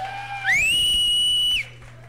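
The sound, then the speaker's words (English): Audience cheering at Barley's for the day's first act: one loud, shrill whistle slides upward and holds a steady high pitch for about a second over a faint wash of crowd noise, then stops. “Also, let's have one more big round of applause for our first act today,”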